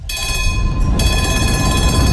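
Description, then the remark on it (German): Steady rumble and rattle of a historic tram rolling along rails between the main station and Radeklint, continuous, with a thin high mechanical whine riding above the low clatter throughout. “Fahren Sie mit in der historischen Straßenbahn zwischen Hauptbahnhof und Radeklint”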